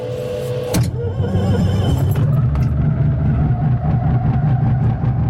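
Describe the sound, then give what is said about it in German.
The engine of a small two-seater aircraft is started and sputters to life with an abrupt burst, then settles into a loud, steady, low throbbing drone, with no voices. “Dann zwänge ich mich ins enge Cockpit vom Zweiplätzer, ich vorne den Peter Schmid hinein, wir machen die Tube zu und starten den Motor”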